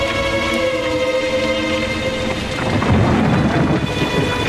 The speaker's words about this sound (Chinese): 不远处一艘快艇正向着乌篷船靠近，船上的马达声夹杂在巨大的风雨中